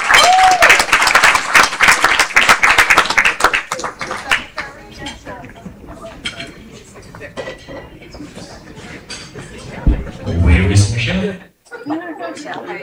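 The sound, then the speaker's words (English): An audience breaks into loud, dense applause for the Secretary of the Guyana Cultural Association as she is given the microphone; it gradually thins out into scattered claps, with murmuring voices and a brief bit of talking toward the end. “Ladies and gentlemen, give her a big round of applause.”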